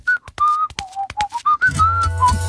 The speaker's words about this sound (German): Die kann wirklich pfeifen.